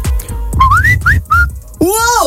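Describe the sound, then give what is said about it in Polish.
A person whistles the Samsung phone ringtone melody: several quick rising and sliding high notes, then a final warbling phrase. Background noise and some low murmuring sit underneath. “Potrafię wygwizdać dzwonek Samsunga.”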